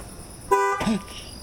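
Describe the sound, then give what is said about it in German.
A single short car horn blast from a Dodge with no one inside, loud, cuts off abruptly, followed by a brief voice sound over a faint steady background hiss. “Da ist das Hupen wieder.”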